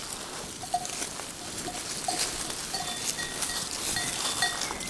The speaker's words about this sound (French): curieuse et attirée par ma présence. Un élevage de chèvres mohaires.